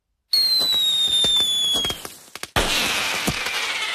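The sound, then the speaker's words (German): Fireworks rockets going off for 1 August: a rocket's high whistle trails across the first two seconds amid a rapid crackle of sharp bangs, then a loud burst erupts into a sustained fizzing crackle. No voices. “Vor dem 1. August stellt sich darum auch dieses Jahr wieder die Frage, Feuerwerk ja oder nein?”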